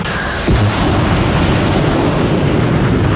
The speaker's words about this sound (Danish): Det er altså lyden af missiler, der bliver sendt afsted mod amerikanske militærbaser i Mellemøsten, og som den iranske revolutionsgarde har delt videoer af.